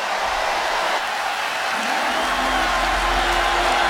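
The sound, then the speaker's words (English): A huge stadium crowd at Arrowhead Stadium roars and cheers during a Chiefs–Colts football game after a delay of game penalty on the Colts, a loud, continuous wall of noise with a deep rumble swelling underneath partway through. No one speaks over it. “Listen to this crowd.”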